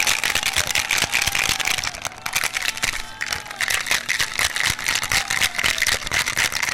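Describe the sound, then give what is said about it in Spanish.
Ice cubes are shaken to chill a drink, rattling and clattering without pause for several seconds, a loud, dense, rapid jangle of bright clicks with a steady shaking rhythm and no voices over it. “Vamos a enfriarlo entonces ahora, un poquito de hielito, para que el sonido que le da inicio al fin de semana, usted lo escuche aquí”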